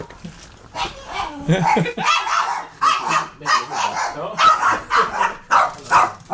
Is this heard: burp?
no